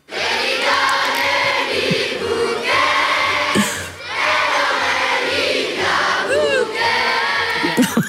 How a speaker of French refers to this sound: vous faire entendre donc ce qui se passait hier midi sur la place, encore une fois la place d'Armes à Namur, avec toute cette jeunesse représentée, ces 700 élèves d'école namuroise qui reprennent Libia Bouquet en chœur.